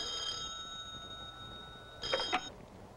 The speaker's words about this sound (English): Will you answer your phone, you big clown?